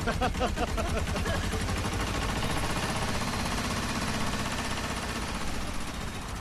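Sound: tractor engine chugging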